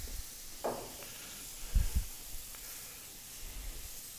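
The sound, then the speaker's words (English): San Giuseppe white wine is splashed into a hot pan with anchovies and sizzles, a steady, bright hiss with fine crackle running throughout, broken by a brief splashy burst early on and a couple of dull low knocks. “And then, just when it's getting hot to the point where you're worried that it's going to burn, then a splash of white wine.”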